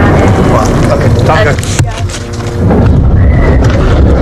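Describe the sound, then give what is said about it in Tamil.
A loud, sustained roar of approaching fighter jets sweeps overhead, dipping briefly midway before swelling again into a heavy rumbling wash, with indistinct voices faintly underneath. “அப்போது போர் விமானங்கள் நெருங்கி வரும் சத்தம் எங்களை குறுக்கிடுகிறது.”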